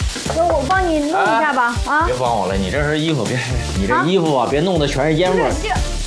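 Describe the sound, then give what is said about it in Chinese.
Wet food that was rinsed and not drained dry crackles and sizzles loudly in too much hot oil in a small wok in a smoky home kitchen. It makes a steady dense hiss that runs the whole time while people talk over it. “这油水太多了啊！你水冲水没冲干，我把抄打开啊。”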